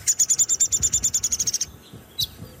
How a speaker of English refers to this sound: Downy woodpecker. He's sort of a chatter to some extent too.